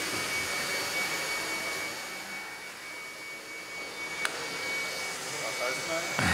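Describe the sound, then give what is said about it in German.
An electric motor runs steadily, giving a constant broad whirring drone with a thin high whine. A brief click breaks in partway through, and the noise swells slightly at the end. “Kaum läuft der Motor, taucht das nächste Problem auf.”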